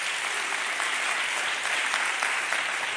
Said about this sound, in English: Then clap your hands.